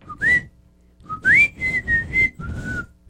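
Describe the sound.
A person whistles a short melodic phrase from a house music tune in clear, sustained tones, rising notes followed by a run of steady held pitches, fairly loud with no talking.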